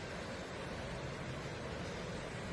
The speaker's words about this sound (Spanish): Miren, de la noche a la mañana, literalmente de la noche a la mañana, se triplicó el caudal del río Tomebamba. Para ver. Miren, está por desbordarse. Por desbordarse el río Tomebamba en Cuenca.